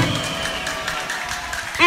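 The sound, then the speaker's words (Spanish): Steady applause from a crowd, a dense wash of many hands clapping at a moderate level, with a brief musical tone rising at the very end. “Que se sientan los aplausos.”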